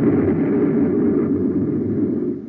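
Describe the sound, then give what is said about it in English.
An explosion sound effect: a loud, deep, rumbling roar that holds steady for over two seconds before easing slightly at the end, with no voices. “All is quiet, but in just a second, you'll hear news that'll rock this planet like an explosion. Watch out. Here it comes.”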